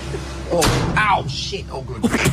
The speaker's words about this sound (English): Also, how old was that door? It sounded like you were closing the 1800s there. No, it actually is.